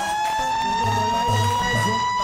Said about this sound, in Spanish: enciendo mi alarma.